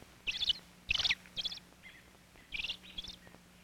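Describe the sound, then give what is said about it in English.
A father robin gives a burst of sharp, agitated calls, several quick clustered notes repeating in short uneven bursts with a faint low hum underneath, excited as a cat climbs the tree where his young robins are in the nest. “Now, father robin is excited.”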